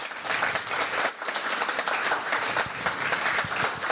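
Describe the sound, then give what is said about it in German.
A full studio audience at a live Radio 1 broadcast from Studio 1 in Bikini Berlin applauding loudly, dense overlapping claps forming a steady roar that holds for several seconds, with a few scattered cheers rising above it. “Ja, und da weiterhin Thorsten Groß mit dem fantastischen Publikum, was hier ist, ist richtig voll und lasst euch mal hören.”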